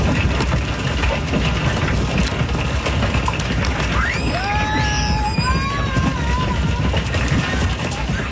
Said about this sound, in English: Hail has hit different parts of the state, with some balls of ice reaching up to 4 inches in diameter.